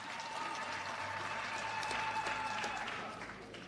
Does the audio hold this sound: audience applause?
yes